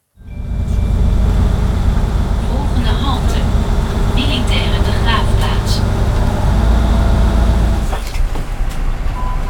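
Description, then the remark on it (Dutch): Steady low engine rumble inside a bus riding toward the military war cemetery on the Grebbeberg, with faint mechanical clatter and brief squeaks; muffled voices murmur throughout. “we stappen de bus in met … en … op weg naar het militair ereveld Grebbeberg”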